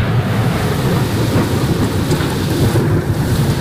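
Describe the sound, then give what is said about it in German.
A thunderstorm over the city of Schaffhausen shortly after 10 a.m., with extremely strong wind: a steady, heavy downpour roars without a break, with deep rumbling thunder rolling underneath throughout. The sound stays loud and dense from start to finish, and no one speaks. “So hat es heute kurz nach der 10 Uhr am Vormittag über der Stadt Schaffhausen getönt.”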